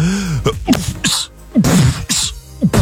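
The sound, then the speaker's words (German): A rhythmic string of sharp, percussive sneezes delivered like beatboxing, with breathy bursts and clipped hits alternating in a quick pattern. Loud, with no talking. “Ja, oder der hier, die Hip-Hopper unter den Niesern, der Typ Beatbox.”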